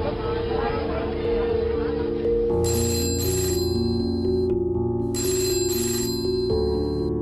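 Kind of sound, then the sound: household object, telephone ringing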